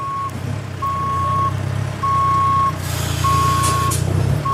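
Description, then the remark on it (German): A truck or forklift reversing on festival grounds being set up like a large construction site, where transporters, big semi-trailers and forklifts unload power generators: a steady high-pitched beep repeating about four times over a loud, low diesel engine rumble, plus a short hiss of air partway through. “Transporter fahren, große Sattelzüge, Gabelstapler, abgeladen wird ein Stromaggregat nach dem anderen.”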